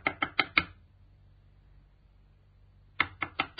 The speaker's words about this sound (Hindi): सुनो जी, कोई दरवाजा खटखटा रहा है, देखो ना कौन है। हाँ, मैं देखती हूँ।